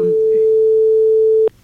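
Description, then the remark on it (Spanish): A phone line ringing on an unanswered call: one long, steady electronic ring tone lasting about a second and a half, loud and clear, then cutting off abruptly with a small click. “A ver si nos coge el teléfono, que estará a puntito de llegar aquí a trabajar.”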